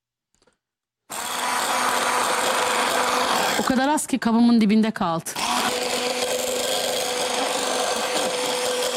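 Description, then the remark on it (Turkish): Coffee being whisked to a froth in a cup: a steady, hissing whir that starts abruptly after a moment of silence and runs unbroken, with a person briefly talking over it partway through. “Güzelce çırpıyoruz efendim.”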